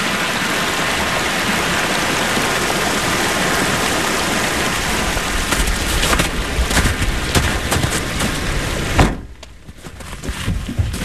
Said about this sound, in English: And streams, swollen with melting snow, cascade down the mountain.